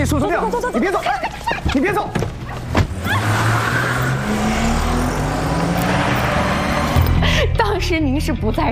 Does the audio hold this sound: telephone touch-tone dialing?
no